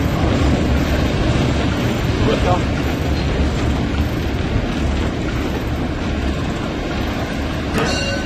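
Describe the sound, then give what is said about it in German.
Loud, steady roar of a locomotive cab in motion as the train rolls into the station at Halberstadt, Germany, heavy rumbling and rattling throughout, with a brief sharp metallic squeal near the end. “Einfahrt in Halberstadt und noch ein Stück Elektronik. Ein Funktelefon verbindet die Lok mit dem Stellwerk.”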